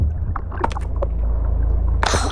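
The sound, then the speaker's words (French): A fishing boat's engine drones steadily overhead, a muffled low rumble as heard from underwater in the sea, with scattered bubbly clicks and a brief hissing burst near the end; no one speaks. “Oh, un bruit de moteur au-dessus de nous.”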